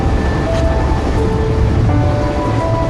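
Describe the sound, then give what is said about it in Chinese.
A high-speed train runs steadily on its rails, a loud continuous low rumble with faint tonal whines drifting above it, with no voices throughout. “现在这个高铁3个多小时，变化特别大。”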